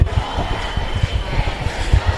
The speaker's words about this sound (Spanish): Parece que está habiendo alguna provocación más, están gritando la peña fuera.